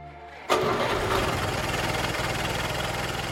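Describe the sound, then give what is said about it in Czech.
A car engine turns over and catches at once, then settles into a steady, rumbling idle that stays fairly loud, with no voices. “Mezitím bylo auto připraveno.”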